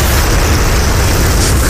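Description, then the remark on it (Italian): A huge explosion roars as one continuous, loud blast of rumbling noise with a heavy low boom, sustained steadily for the whole moment with no voices. It is a sound effect of the Big Bang opening a Radio Globo trailer. “All'inizio il Big Bang”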